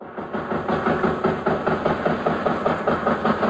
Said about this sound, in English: Petare is considered the largest slum in South America. Motorcycles zip by only a few feet from pedestrians and merchants.